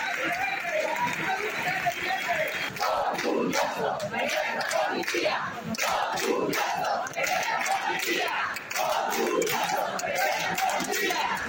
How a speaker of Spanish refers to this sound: concentración continuó en la Plaza de los Reyes frente a la delegación del gobierno con cánticos